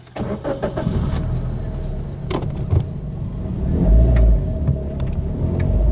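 Steady low engine rumble heard from the back seat of a car, with occasional faint clicks and brief rustling sounds over the continuous drone; no one speaks.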